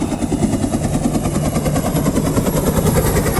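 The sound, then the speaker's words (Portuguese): A steady, loud helicopter engine drone with a rapid rhythmic rotor chop as the helicopter flies in the air, continuous throughout, no voices. “É, barulho do melocóptero.”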